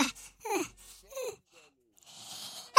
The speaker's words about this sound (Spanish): ¡Ay, usted disculpe! Creo que estornudo de una manera muy sexy.